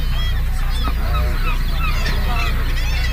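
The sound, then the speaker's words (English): A dense chorus of bird calls from a breeding colony, many honking, goose-like voices overlapping continuously over a steady low rumble, loud with no pause. “Now, all of these birds here are here for one reason and one reason only, and that is to get lucky. This here is a breeding colony.”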